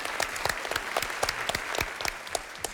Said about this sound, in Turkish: Alkışlayalım o zaman. Bu güzel kuğu için.